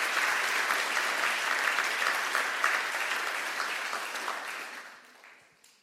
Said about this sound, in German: Vielen Dank euch. Das war sehr schön. Ja, das verdient einen Applaus.